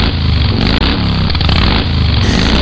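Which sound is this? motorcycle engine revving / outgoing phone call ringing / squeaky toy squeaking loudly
motorcycle engine revving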